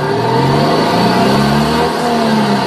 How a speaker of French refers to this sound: On essaie vraiment de ramener le bruit de la 2 chevaux au démarrage et pourquoi pas jusqu'à 20-30 km/h.